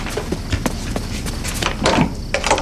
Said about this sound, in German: rannte zur Tür und öffnete sie.